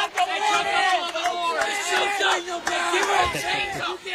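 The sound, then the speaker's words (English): A loud crowd of young voices in a student section at a ball game yells and cheers continuously, overlapping shouts and whoops forming a dense, raucous roar with no pauses, as a ball is fouled off into the nets. “Getting an earful here from the Cinnamon student section behind me. Raucous crowd.”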